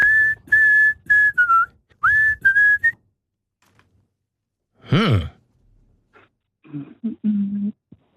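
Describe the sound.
Someone whistles a bright pop tune as a quick run of about seven clear notes, then lets out a breathy exhale and goes on with a few low hummed notes.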